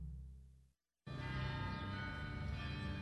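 Layered church bells ring in a dense, swirling wash of sustained metallic tones, broken by a brief silence before a fuller, louder cluster of overlapping bell peals resumes.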